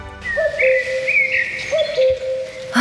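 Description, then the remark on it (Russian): A cuckoo calls its two-note cry twice, clear, over a steady bed of higher whistling birdsong. “Кукушка, кукушка, сколько лет нам копить первый взнос на квартиру в первом ДСК?”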